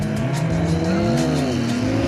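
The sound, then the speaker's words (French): A 1000-horsepower Honda Civic and a 200-horsepower, 200-kilo BMW S1000RR sport motorcycle launch side by side in a drag race on the tarmac, their engines roaring loudly at full throttle with pitch climbing steadily through the gears, no voices. “Alors me voici à nouveau sur le tarmac, à ma droite Steve avec sa Honda Civic de 1000 chevaux qui m'a explosé tout à l'heure littéralement, à ma gauche Samuel, mon vieux pote avec sa BMW S1000RR, 200 chevaux, 200 kilos, vous êtes prêts?”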